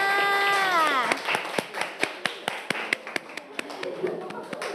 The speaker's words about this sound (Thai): ปรบมือให้เพื่อนด้วยค่ะ